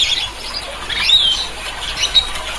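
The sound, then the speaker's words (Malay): A Talaud lory (sampiri), a bird up to 31 cm long with bright colouring, found in the Talaud Islands, Sulawesi, gives a run of short, harsh, raspy high-pitched calls, some squeaky and thin, at moderate loudness with no talking. “Kicauannya yang terdengar parau atau agak kasar dengan volume yang sedang dan bernada pendek.”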